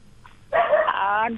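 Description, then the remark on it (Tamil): A dog barking in the background lets out one drawn-out, tonal bark that rings for nearly a second, fairly loud, preceded by a faint short yip. “என்ன சாப்பிட்டீங்க சொல்லும் போது நாய் பின்னாடி குலைக்குது.”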